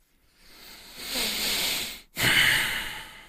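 Two heavy, breathy exhalations blown into a microphone, the second sharper and louder after a brief pause, with a rushing, hissy texture and no speech.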